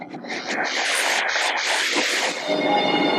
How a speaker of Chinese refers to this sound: 如今，窄轨的滇越铁路渐趋沉寂，新兴的动车疾驰穿越，鲜红的荔枝乘上列车，自深山出发，前往昆明等周边城市。